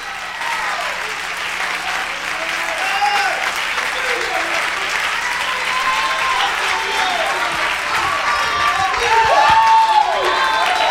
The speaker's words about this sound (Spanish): un aplauso a Cristo, que Él se lo merece. Más fuerte que es para el Señor.